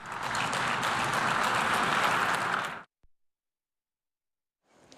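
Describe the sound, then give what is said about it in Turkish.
A dense burst of applause from a large crowd of representatives of many countries at a conference, applauding the President of Türkiye, Erdoğan, during his speech; steady and loud for nearly three seconds, then cutting off abruptly into silence before a faint return of clapping at the very end. “Cumhurbaşkanı birkaç kez birçok ülkenin temsilcisi tarafından alkış aldı.”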